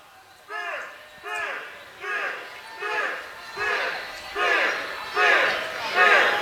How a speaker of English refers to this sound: Crowd downstairs chanting beer. They want free cold adult beverage. Not free, discounted, of course.